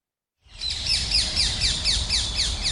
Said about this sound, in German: In Köln sind sie überall, diese quietschgrünen, ständig quasselnden Vögel.